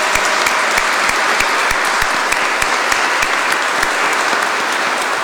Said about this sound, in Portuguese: Uma salva de palmas para todas as mães, bem forte.